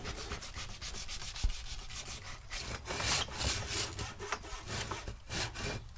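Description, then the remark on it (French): A hand saw cuts through wood along a marked line in steady back-and-forth strokes, each rasping pass fairly loud, with a brief knock partway through and no talking. “Tu vois, ta scie, elle est comme ça. Nous, on veut qu'elle soit au-dessus.”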